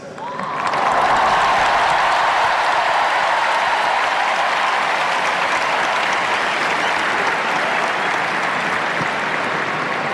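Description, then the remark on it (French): A large crowd of young people at the Stade de France applauds as the Pope is welcomed, a dense, loud wash of clapping that swells in the first second and then holds at a constant level throughout, with no voices standing out. “La foule du Stade de France qui scande le nom du Saint-Père.”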